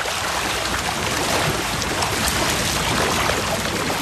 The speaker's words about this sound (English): As he prepares the evening feed, fish begin splashing through the raceways.